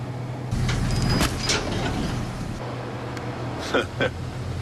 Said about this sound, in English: Oh, well, now this isn't very good, is it? Because I'm in a tractor and there's a bus coming. Oh, shit.